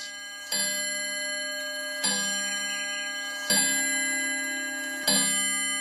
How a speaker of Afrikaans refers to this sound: Een oggend vroeg skrik Dani wakker toe die horlosie 5 slaan.